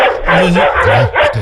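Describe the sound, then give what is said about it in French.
A dog barks loudly in a quick run of several yelping, tonal barks that rise and fall in pitch, filling the short moment with no talking. “Il est très mignon, le chien. Insupportable.”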